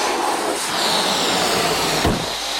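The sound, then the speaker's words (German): Loud, steady rushing hiss of air escaping from blown-up balloons released in a race, a broad noisy whoosh that continues throughout with a brief sputtering flutter near the end, no voices. “Menno, meiner fliegt im Zickzack. Ich glaube, meiner ist hinterm Schrank gelandet.”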